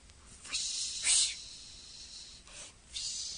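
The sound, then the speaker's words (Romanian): A soft, breathy hissing rustle comes from above, down a chimney, in waves, swelling and fading several times with a brief sharper burst, sounding muffled. “Să știți că zgomotul vine de sus. Din tavan. Papa, ba din horn?”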